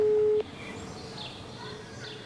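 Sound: phone call ringing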